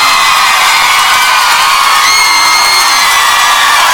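A loud crowd cheers and whoops continuously, with dense, sustained shouting and applause filling the space for several seconds, no clear speech standing out.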